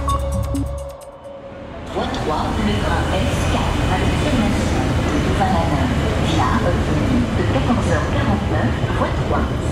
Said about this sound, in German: wir sind tatsächlich am Bahnhof Luxemburg